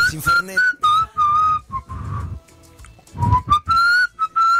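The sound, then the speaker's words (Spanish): A person whistles a wavering tune, the pure notes sliding and repeating over several seconds, with brief pauses and some low rustling and breathy noise beneath. “Yo por ahí cuando me distraigo así un poquito me pongo a silbar. Soy silbador, sí.”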